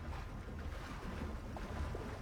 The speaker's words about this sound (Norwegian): Men der Peer Gynt hørte Memnon-støtter synge, hører Henrik bare lyden av bølgeskvulp.